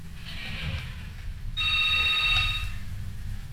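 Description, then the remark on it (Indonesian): A thin, high electronic telephone tone comes through the line for about a second over a low, steady background hum. A radio listener's call-in has connected but dropped, and no voice comes through. “Oke, ini rasanya terputus ya.”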